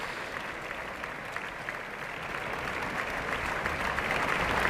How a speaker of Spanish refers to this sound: Abandonan el escenario todos los cantantes del reparto y ya van cesando los aplausos.